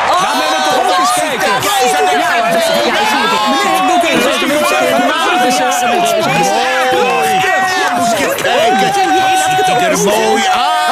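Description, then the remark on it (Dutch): A dense, loud crowd of townspeople roars and cheers as the emperor comes outside for the procession, with many overlapping voices shouting and whooping in a constant wall of sound for the whole stretch. “Toen de keizer buiten kwam, klonk er een oorverdovend gejuich van het volk.”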